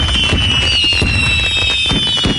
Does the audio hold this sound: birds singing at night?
no